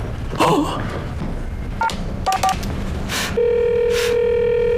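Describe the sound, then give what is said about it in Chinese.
Three short electronic keypad beeps from a phone being dialed to call someone, spaced unevenly, followed by a steady continuous line tone, with faint handling clatter and background noise. “你赶紧给那人打电话去。”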